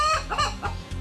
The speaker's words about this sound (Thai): ส่วนแหล่งกำเนิดเสียงตามธรรมชาตินั้นหมายถึงเสียงที่เกิดขึ้นเองโดยธรรมชาติเช่นเสียงสัตว์ต่างๆเสียงปรากฏการณ์ทางธรรมชาติเสียงเสียดสีหรือกระทบกันด้วยวิธีการเกิดเสียงหลายรูปแบบและนั่นก็คือเสียงไก่ขัน